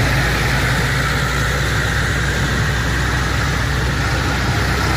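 A steady, loud drone of heavy engines idling and rumbling low as about fifteen tractors move slowly together in a farmers' protest march from Vilafranca del Penedès to Sant Sadurní d'Anoia, continuous for the whole stretch with no voices.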